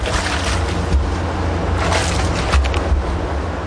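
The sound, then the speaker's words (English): In a sake brewery, a woman leaning over a brewing tank stirs the fermenting mash (moromi), a thin, milky, gently bubbling porridge, with a long pole, producing a steady wet sloshing and churning with occasional heavier swishes, continuous, with no one speaking. “She leans over one of the tanks, stirring with a long pole.”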